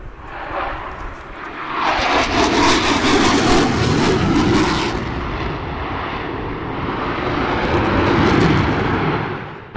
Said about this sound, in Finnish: myöhemmin kyllä sekä Hornet, vanha kone, että sitten uusi hävittäjä pääsivät taivaalle esiintymään juhlavieraille